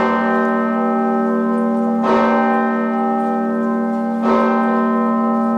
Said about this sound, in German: Die Osanna-Glocke der Martinskirche in Kassel.